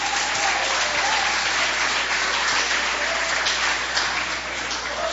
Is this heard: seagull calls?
no